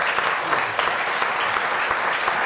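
An audience applauds steadily, a dense wash of many hands clapping close by at a constant, fairly loud level throughout, with no voices standing out.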